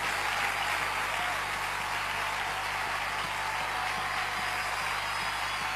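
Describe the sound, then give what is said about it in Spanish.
Sustained loud applause, a dense, steady wash of many hands clapping that holds at an even level for several seconds without a pause, given as applause to the Lord. “Oh, dale ese aplauso fuerte al Señor.”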